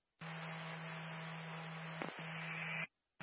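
A burst of harsh radio static lasting a few seconds, with a steady low hum beneath it and a brief dropout near the end before it cuts off abruptly.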